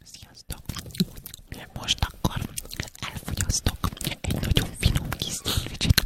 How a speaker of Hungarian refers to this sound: Csináljam egy ASMR, bejelentkezést csinálj már, tudod, amikor így izé... Fú, de utálom az ASMR dolgokat. De hogy izé, de egy erotikus csócsálósat, tessék.